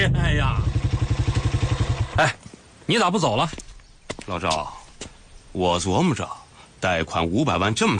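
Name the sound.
old motorcycle engine running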